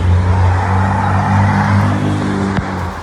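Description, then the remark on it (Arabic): A steady, loud car engine hum with strong low harmonics, shifting slightly in pitch as traffic rolls by in southern Lebanon, with a brief sharp click near the end. “بلشت حركة السيارة تقوى، بلشت السيارة تقوى.”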